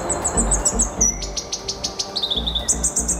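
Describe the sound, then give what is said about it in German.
A rare New Zealand bird calls with a rapid series of high, bright chirps and piping whistles, repeated in quick bursts against low background rumble, clear, with no one speaking. “Dieser äußerst seltene Vogel.”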